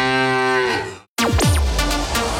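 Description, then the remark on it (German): A loud, drawn-out cow moo from a mooing Müllermilch milk bottle, then it cuts off for a split second before a second moo rises and falls in pitch. No one speaks. “So klingt es, wenn du 50.000 Euro gewinnst.”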